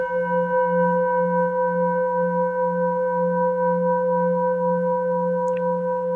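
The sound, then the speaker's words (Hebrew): A Tibetan singing bowl rings with a steady sustained tone and bright overtones, its loudness pulsing in a slow, regular wah-wah beating throughout, with no voices. “אז הצלילים בעצם גם עוזרים לנו בעצם להרגיע את המחשבות, ובנוסף, המקצב המאפנט של הקערות טיבטיות, אם תקשיבו טוב טוב, נסו אולי להקשיב”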